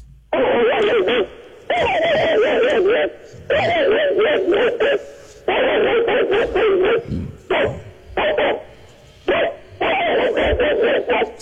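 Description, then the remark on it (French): A man imitates an angry mongrel dog with his voice, letting out a run of loud growling barks in several bursts separated by short pauses. “C'est le fameux chien bâtard.”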